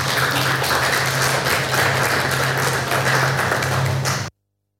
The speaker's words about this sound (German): Vielen herzlichen Dank dafür und großen Applaus.